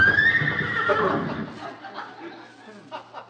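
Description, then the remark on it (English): A horse neighs loudly, a long shrill whinny that wavers and trails off into softer snorts and breathy sounds over about three seconds. “Great Dane? Sounded like a horse to me.”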